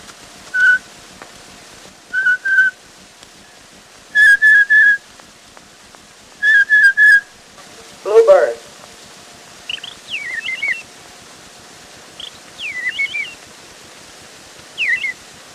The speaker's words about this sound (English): Blue Jay.